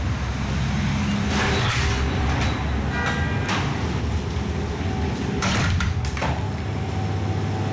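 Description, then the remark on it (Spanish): The door of Cookie Bakery, near Plaza Elíptica, slides open with a few clunks and rattles as someone enters. Steady street traffic noise plays underneath, with no one speaking. “Bueno, lo primero que tengo que decir es que ha sido cruzar la puerta y qué aroma.”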